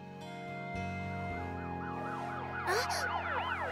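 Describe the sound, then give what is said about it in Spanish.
A fire truck siren wails in quick rising and falling sweeps over a steady low drone, growing stronger and fairly loud with no one speaking. “¡Un camión de bomberos!”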